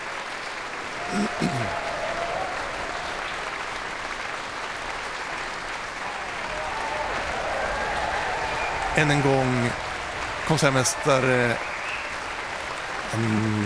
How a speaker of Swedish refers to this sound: Ja, Thomas Gugais låter nu många av orkesterns olika instrumentgrupper och solister resa sig och ta emot applåder.